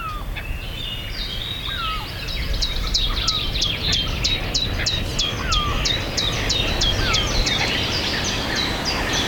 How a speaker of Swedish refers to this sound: Skönt med lite fågelsång och inte bara skränande. Ja, vi hoppas på mera sång härifrån Björkeby.